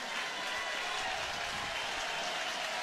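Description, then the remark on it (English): A large baseball stadium crowd roars and applauds as it rises to its feet with two outs in the inning, a steady, dense wash of noise that holds at the same loudness throughout, with no clear voices standing out. “but there are two outs in the inning, and now the crowd back to its feet.”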